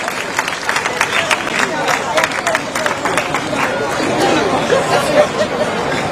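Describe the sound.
Steady audience applause, a dense patter of many hands clapping at an even loudness for several seconds, mixed with a murmur of crowd chatter and voices underneath.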